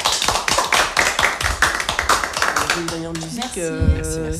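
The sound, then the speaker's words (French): Lively applause from a group for the participants, a dense patter of hand claps for about three seconds, then thinning as sustained tonal voices or music rise over the last claps. “On peut vous applaudir, je pense.”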